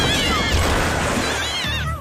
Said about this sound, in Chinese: 你们有没有听到猫叫？听着是从那边传过来的。 让我看看，是调皮捣蛋猫咪大队在巨大的风扇上。